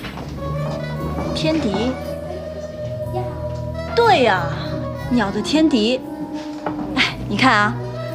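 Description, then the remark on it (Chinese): A voice imitates a large wolfdog whimpering and barking, used to drive birds away, with drawn-out, wavering whines broken by sharper yelps. It is moderately loud, with no other sounds underneath. “我发现你这用大狼狗赶鸟，比我们战士敲锣打鼓赶鸟强多了。”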